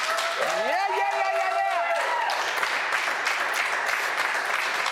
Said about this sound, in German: Ich würde dir am liebsten irgendwie einen Stadionapplaus geben, aber den kann ich jetzt nicht. Aber vielleicht kann die Crew mal hier einen fetten Applaus geben. Come on.